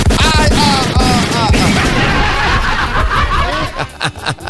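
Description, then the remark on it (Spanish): A rapid volley of gunshot sound effects, loud sharp cracks firing in quick bursts across the whole stretch, with laughing voices mixed in underneath near the start. “Oiga, pues quiero pongámosle unos balazos a este cristiano que dice cada rato esas cosas media obscenas aquí.”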